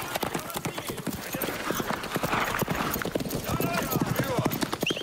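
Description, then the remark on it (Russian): Steady clip-clop of three horses' hooves as three riders travel a foggy night road, a continuous overlapping rhythm, with faint snorts and occasional background voices mixed in. “Трое всадников едут по туманной ночной дороге.”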